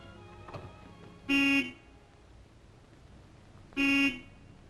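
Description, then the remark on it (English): An approaching car that looks like Linda's honks its horn twice, two short, loud blasts about two seconds apart, over a low, steady rumble of road noise with no talking. “That looks like Linda's car.”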